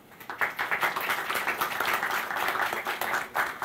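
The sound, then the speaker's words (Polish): A crowd claps steadily at an event honouring the best athletes of the Podlaskie region (Team Podlaskie), the dense patter of many hands forming sustained applause that holds at a fairly even level throughout, with no voices standing out. “Ogromne brawa.”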